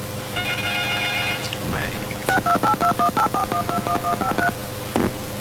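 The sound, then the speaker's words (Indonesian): A brief warbling electronic tone, then a rapid run of about a dozen short, evenly spaced telephone beeps as an incoming phone call connects, clear over a faint steady hum. “Bang, seperti sudah ada telepon yang masuk di sana, boleh kita angkat ya.”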